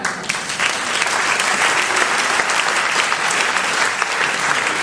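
An audience claps steadily throughout, a dense, sustained applause with many hands at once, loud and even from start to finish with no voices standing out.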